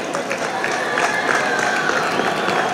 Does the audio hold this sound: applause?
yes